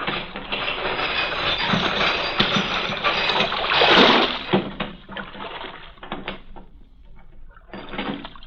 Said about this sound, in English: Chain that closes the mouth of the port at night is lowered.